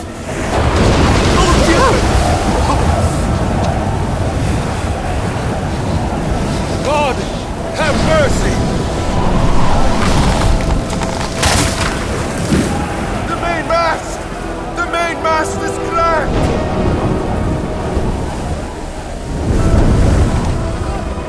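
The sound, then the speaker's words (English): Stormy sea waves surge in a continuous roar of wind and water around a sailing ship with no mainsail, broken by sharp creaks and cracks of the ship's timber giving way, with indistinct voices faintly underneath. “I would rather be on deck and brave the storm.”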